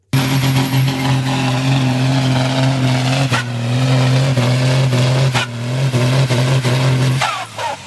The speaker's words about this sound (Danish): Ja, det her, det er selvfølgelig lyden af en traktor, det er traktortræk.